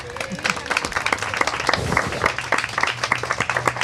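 An audience breaks into applause, a dense patter of many hands clapping steadily for a few seconds, with some crowd murmur mixed in underneath.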